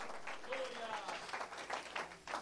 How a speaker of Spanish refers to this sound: Levante sus manos al cielo, dele ese aplauso fuerte a Cristo en esta hora.